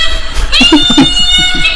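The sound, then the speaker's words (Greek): A human voice imitates a rooster crowing at 6 in the morning in a village, a drawn-out series of wavering, nasal, cat-like calls lasting under two seconds, with a steady high whine running underneath. “Αυτό είναι 6 ώρα, 6 ώρα το πρωί ο κόκορας, ρε, στο χωριό.”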